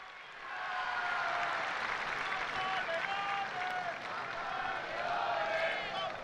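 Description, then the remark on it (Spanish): A large crowd of faithful at Pope Leo XIV's general audience chants "Papa Leone" together in unison, a loud, steady wall of voices with sustained sung tones rising and falling over a roar of cheering, swelling in after a quiet start. “Ahí escuchamos a los fieles que están cantando al unísono Papa Leone.”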